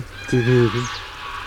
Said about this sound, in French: Quoi, c'est vraiment sur les oies? Oui, les oies. On comprend qu'elles aient réveillé les Romains au Capitole, parce que... Ah, c'est terrible. Terrible, oui, quel con. Ça s'entend à 15 km.